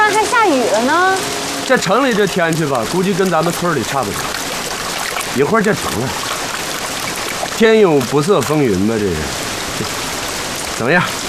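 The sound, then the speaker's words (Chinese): Steady rain pours down in a dense, continuous hiss, having started suddenly in a city while people are out boating, with people talking animatedly over the downpour throughout. “哎，这怎么突然还下雨了呢？”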